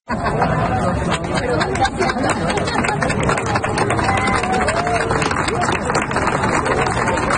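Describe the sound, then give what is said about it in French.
A crowd of 300 to 400 people gathered for the sunset chatters all at once, many overlapping voices blending into a dense, steady hubbub that stays loud for the whole stretch, with no single voice standing out. “les gens sont rassemblés, il y a foule et il y a des applaudissements”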